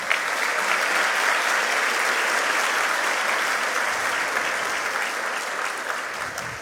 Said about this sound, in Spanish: Felicitamos a nuestros representantes por facultades, para quienes pido nuevamente un fuerte aplauso.